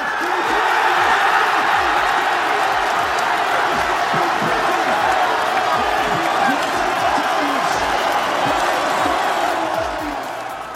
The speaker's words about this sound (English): As the sound of fans cheering the final whistle, John McGinn scored the winning goal for Steve Clarke's side.